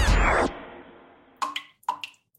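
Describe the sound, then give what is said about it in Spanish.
A loud splashy burst fades into quiet, then water drips from a leak in an irregular patter of about half a dozen distinct, resonant plinks. No one speaks. “¿Oyes eso? Es una gotera.”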